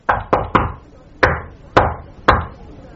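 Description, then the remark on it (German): Six firm knocks on a wooden door of a flat's upstairs room, knocking a second time after no one called to come in: a quick burst of three followed by three slower, evenly spaced raps, fairly loud with no one speaking. “Ich klopfe nochmal.”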